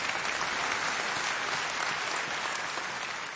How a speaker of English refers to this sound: You can clap. Come on.